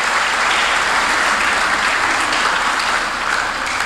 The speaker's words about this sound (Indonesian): Tepuk tangan dulu. Ya.